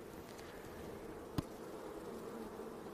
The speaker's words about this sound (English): We'll just make sure that there's no queen on this frame. There's a male bee right here called a drone. There's another one right here walking around. They're a lot bigger than the regular worker bees, and all worker bees are actually female.